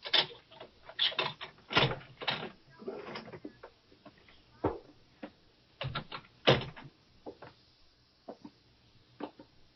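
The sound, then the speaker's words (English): A skeleton key rattles and scrapes in the lock of an apartment door in an old brownstone apartment building, with a run of sharp metallic clicks and clunks, then the door creaks and bumps open. Fairly loud, with no voices. “The first apartment door on the right. No, I didn't have the key. But one of the skeleton keys was.”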